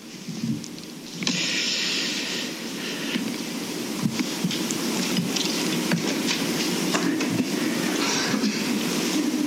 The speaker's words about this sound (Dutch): Zware stoelen.